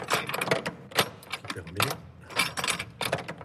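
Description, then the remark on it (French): The key to a cathedral's treasury works the treasury door lock: a series of sharp metallic clicks, scrapes and jangling rattles in irregular bursts, fairly loud, with no talking over them. “Et voilà, la clé du trésor, donc”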